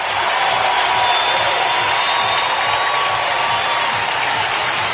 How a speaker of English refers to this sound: and it's gone! Big fly, Lars Nootbaar gives the Cardinals a lead in the bottom of the eighth inning. And this crowd is going crazy here at Busch Stadium. The Nootbaar cheer, the great moment, and the great reception from his teammates who missed him.